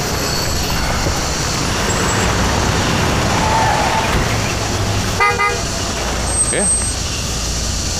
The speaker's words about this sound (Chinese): 哎，他咋房里出啥事了？还来警车了？